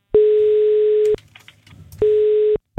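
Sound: telephone ringing tone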